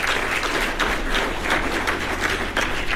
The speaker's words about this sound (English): Give the city of Evansville a round of applause.